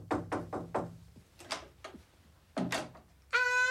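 Knocking on the door of Hurvínek's room: a quick run of three sharp raps, then a few more spaced knocks, fairly loud, ending with a brief high tonal squeak.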